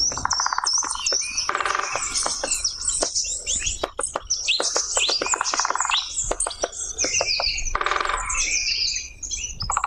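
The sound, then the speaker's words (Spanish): A small bird drums on wood in quick bursts of sharp pecking taps, mixed with busy, high chirping and twittering birdsong that fills the whole scene. “Este tamborileo se llama, este sonido, que es el golpeteo en la madera de este pajarillo, que ya te puedes imaginar por dónde vamos”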